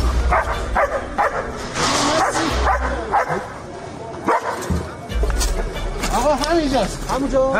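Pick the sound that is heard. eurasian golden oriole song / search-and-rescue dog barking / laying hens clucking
search-and-rescue dog barking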